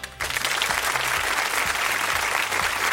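Sustained applause from a group, a dense steady patter of many hands clapping at even loudness for several seconds, with a faint low hum underneath and no voices.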